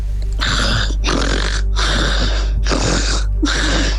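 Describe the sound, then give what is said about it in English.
A person imitates snoring for five seconds as a quiz task, with five loud, rasping snores in a steady rhythm, each separated by a brief pause. “Give us 5 seconds of someone snoring.”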